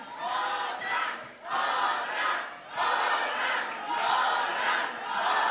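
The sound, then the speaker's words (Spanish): A large crowd roars and cheers loudly and continuously, the noise swelling and dipping in a rough rhythm, like an excited audience shouting together. “Reinas de todo, aplausos”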